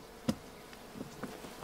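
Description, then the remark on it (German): Bees buzz softly around hives in a quiet, steady drone, broken by a few faint taps and knocks. No one speaks. “Sie haben sehr, sehr eilig, die Bienenstöcke ihres Mannes loszuwerden.”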